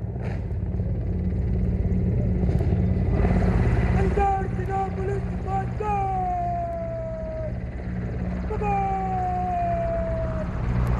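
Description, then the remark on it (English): Two Mi-17 helicopters drone overhead across the Red Fort area, one carrying the national tricolor, the other displaying Vande Mataram, showering petals, in a steady, loud low rumble with a deep throbbing hum, while high gliding whistle-like tones slide downward a few times above it. “And now we can see that the two Mi-17 helicopters, one carrying the national tricolor, are Pride, and the other displaying Vande Mataram written, showering petals all across this Red Fort area, and every eye is looking towards the sky,”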